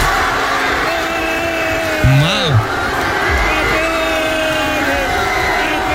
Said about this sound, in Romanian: Hai să-l auzim, să-l vedem, să vedem cum s-au bucurat spaniolii și nu numai, toți cei care au fost pe acolo.